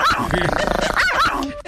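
A dog barks and growls loudly in a rough, snarling burst that runs almost two seconds, with a couple of sharper bark peaks before it cuts off abruptly.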